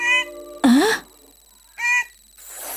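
A bird calls three times in short, clear bursts, the middle one a louder swooping cry, alone with brief quiet gaps between.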